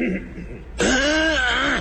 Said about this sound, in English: Hit the other two there. If you see him blinking. Other coughs? See? Well, no. Well, I think you wanted both. I want to hear both of them there.